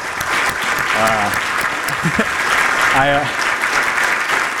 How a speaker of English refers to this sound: And if you're a member of the Land Bank staff, if you could please put your hand up. I put you guys on the spot. If we could just get a round of applause.